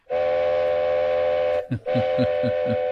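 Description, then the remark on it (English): Two long, loud horn toots from the Indian Pacific train arriving early at Broken Hill in the morning, separated by a brief gap; the steady harmonic blare of the second toot rides over a rhythmic low chugging. “There we go, two toots. In fact, an early train's probably worth three toots.”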